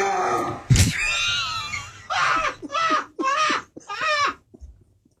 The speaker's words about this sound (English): I think the dog needs to go out